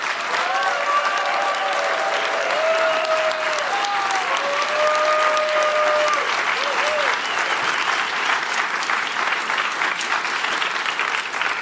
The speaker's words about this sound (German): Komm, nochmal ein Applaus bitte für unsere Sprecherin.